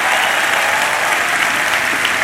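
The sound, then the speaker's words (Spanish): An audience applauding the Lord together, a dense, steady wash of clapping that stays loud and even throughout with no voices standing out. “Vamos, dale un aplauso fuerte al Señor.”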